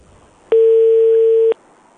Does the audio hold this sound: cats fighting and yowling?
no